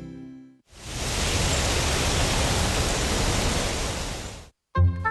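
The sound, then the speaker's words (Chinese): A steady, breathy rush of crisp autumn wind blows for about four seconds at an even level, a full hissing whoosh with no gusts, bracketed by brief snatches of music before and after. “听着清爽的秋风，整个人啊都觉得舒服极了。”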